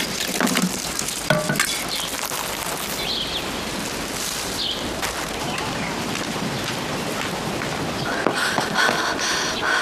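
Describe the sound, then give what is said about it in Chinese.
Batter for jianbing (Chinese pancakes) sizzles and crackles steadily on a hot griddle as many pancakes are spread, a dense hiss with scattered sharp pops throughout and no voices. “这外家老娘们儿，摊那么多煎饼干什么？”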